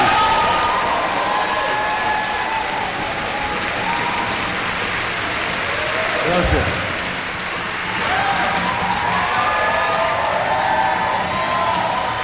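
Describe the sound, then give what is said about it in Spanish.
A crowd applauds steadily for about twelve seconds for the tutors who looked after the children during a camp, a dense, even wash of clapping that swells briefly midway, with a single voice speaking a word over it. “Sí, para ellos un aplauso, por favor.”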